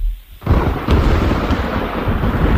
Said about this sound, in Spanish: ¿Tormenta? Sí, señor, una tormenta.